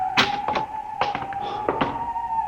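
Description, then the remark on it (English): A door in a municipal building being opened: a handful of dull thunks and latch-like clicks in uneven succession, with no creak, over a steady high-pitched electrical hum; the door is in good working order, as if recently oiled. “This door is in good working order.”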